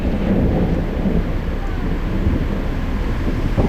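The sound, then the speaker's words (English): A thunderstorm rolls over the sea, with deep, steady thunder rumbling loud beneath a wash of wind and rain, filling the whole stretch without a break. “It started with that storm over the sea.”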